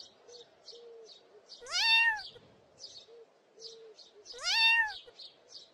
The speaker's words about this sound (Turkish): Hemen yanlarındaki uzun ağaca bakınca yavru bir kedinin dalın üzerinde miyavladığını gördüler. Belli ki kedicik ağaçtan inemiyordu.